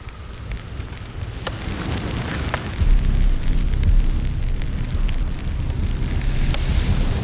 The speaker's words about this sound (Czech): Dívám se do ohně. Ten stráví všechno, aniž by slyšel, mluvil nebo viděl.